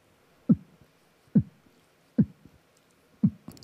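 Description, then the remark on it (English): Deep, muffled beatboxed kick-drum thumps, made by closing the upper part of the throat, land in a slow, steady pulse, about five hits in a few seconds, moderately loud with quiet gaps, resembling a heartbeat. “Yes, it sounds like a heartbeat.”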